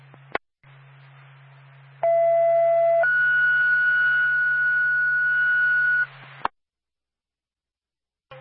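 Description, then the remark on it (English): Twin States radio dispatch alert tones sending the Whistler Ambulance backup crew to a medical alarm with no contact at 53 Park Street, over static and hum: a steady lower tone for about a second, then a longer, higher tone for three seconds, with clicks as the channel keys on and off. “Clear, stand by for tone.”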